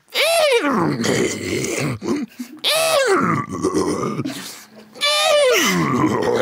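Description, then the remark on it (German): A person imitates a horse whinny three times, each a loud, wavering, pitch-sliding vocal burst with rising and falling harmonics, separated by short grunting, rough vocal sounds. “So klingt ein Pferd vermutlich, wenn du versuchst, dich draufzusetzen”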